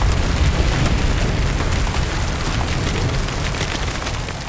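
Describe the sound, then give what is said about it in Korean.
A loud, sustained roaring rumble of an empty house at the entrance of a village collapsing in an explosion, heavy and deep, holding steady for several seconds before easing slightly, with no voices. “집이 무너지고 총소리가 멎었다.”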